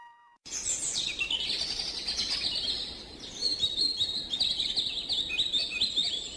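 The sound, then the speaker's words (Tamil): Birds chirp and tweet continuously in the Uvavanam flower garden, several overlapping high calls forming a lively, steady chorus, with no voices present. “இங்கே பார், பூச்செடிகளின் அழகும் பறவைகளின் ஒளியும் வண்டுகளின் ரீங்காரமும் மனதுக்கு எவ்வளவு விதமாக இருக்கிறது பார்!”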